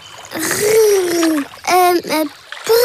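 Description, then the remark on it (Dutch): Water splashes and sloshes in a steady, fairly loud wash of noise, with several sustained voice-like calls and short vocal sounds rising over it. “Ja, best mooi. Water.”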